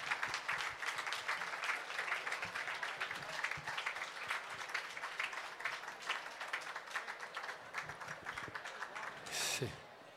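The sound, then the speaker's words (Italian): A crowd applauds steadily for about ten seconds for the first employees of the Peschiera, a dense, even patter of many hands clapping, with a short sharp burst of noise just before it fades. “Vorrei fare un applauso, guardate che carini.”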